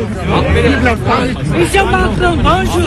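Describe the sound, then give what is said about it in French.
A dense crowd massed in the centre of Gyumri as Emmanuel Macron and Nikol Pashinyan arrive murmurs and chatters continuously, many overlapping voices blending into a steady, fairly loud hubbub with a low rumble beneath. “La foule était massée dans le centre de Gyumri quand Emmanuel Macron et Nikol Pachinian sont arrivés.”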